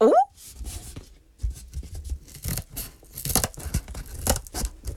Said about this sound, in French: Toudou prend les petits ciseaux pour découper les murs de la maison en carton.